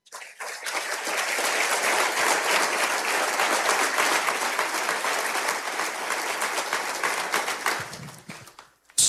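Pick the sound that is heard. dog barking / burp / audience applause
audience applause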